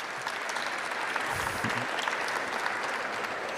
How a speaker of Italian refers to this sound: Chiedo un applauso uno alla volta, se lo meritano.